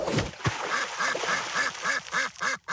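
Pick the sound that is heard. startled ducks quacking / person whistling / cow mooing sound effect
startled ducks quacking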